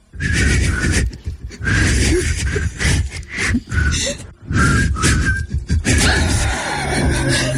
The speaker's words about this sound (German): Es kommt gleich ein super 90er-Song, aber der kann sich entweder so anhören, zum Beispiel wenn … und … pfeifen